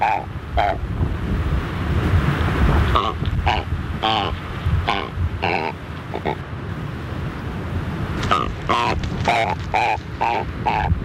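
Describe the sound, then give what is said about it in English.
Chatham Island shag calls: harsh, guttural grunts and croaks in irregular bursts, some clustered in quick runs, over a steady rush of wind and surf. “The Chatham Island Shag.”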